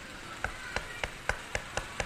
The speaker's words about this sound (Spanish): Tocando puerta. ¿Y quién será? ¿Será un comprador, un cliente o la policía?